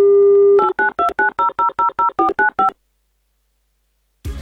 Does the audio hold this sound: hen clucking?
no